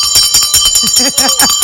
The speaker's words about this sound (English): I'm still gonna give you a bell for trying.